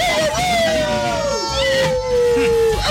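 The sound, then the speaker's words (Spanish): A dog gives one long, whining howl lasting several seconds, its pitch sliding slowly downward, loud over a noisy, busy background. “Zoológico ahí en pleno, ¿no? Perrito allá.”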